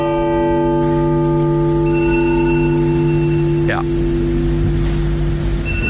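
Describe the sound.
A mobile phone rings with sustained electronic tones and a brief warbling sweep partway through, playing over a steady low rumble while someone briefly speaks.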